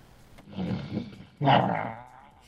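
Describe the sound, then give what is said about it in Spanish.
A man imitates an animal roar in two rough, growling bursts, the second louder and longer, with no other talk. “A ver, yo quiero que escuchen este rugido.”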